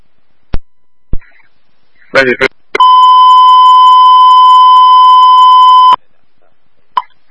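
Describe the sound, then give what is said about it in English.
A few sharp clicks and a brief burst of static lead into a loud, steady electronic tone held for about three seconds, followed by a faint short blip: a dry-run fire alarm box transmission for Riverbox Zone 3D, Allegheny Avenue to Ben Franklin Bridge. “Immediately following this message, a dry run of Riverbox Zone 3D shall be transmitted.”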